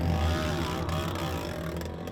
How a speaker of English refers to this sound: I'm just here above Dark Canyon and I can hear one of the bikes sounds really funny. It looks like somebody's maybe ripped an exhaust off or something like that.